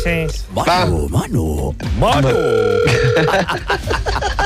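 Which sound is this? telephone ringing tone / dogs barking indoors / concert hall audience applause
telephone ringing tone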